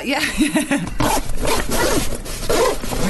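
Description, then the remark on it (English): Several quick zipper pulls in a row, fairly loud, each a short rasping zip with brief gaps, as the compartments of a gym bag are zipped one after another. “I just thought it was a beer long zip and they were having to do it in bits.”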